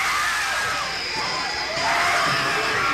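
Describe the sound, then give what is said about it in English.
A large movie audience screams together at a sneak preview of the horror film Apartment Complex, a dense, sustained roar of high-pitched voices that swells louder toward the end, with no individual words standing out. “The screams you are hearing are the actual audience reaction to a sneak preview of Apartment Complex.”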